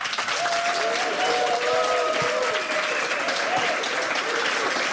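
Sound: audience applause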